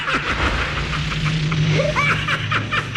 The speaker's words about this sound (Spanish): ¡Qué chistosos son los terrícolas! ¡Asustaste por una simple lluvia de meteoritos! ¡Meteoritos! ¡Meteoritos!